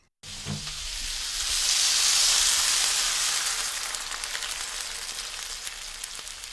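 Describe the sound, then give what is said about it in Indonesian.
One glass of water is poured into a frying pan of hot oil with chicken and vegetables, giving a sudden loud, bright sizzle that swells over the first couple of seconds, then settles into a steady hissing crackle, with a brief low clunk at the start and no talking. “Kalau semuanya sudah tercampur minyak, masukkan 1 gelas air.”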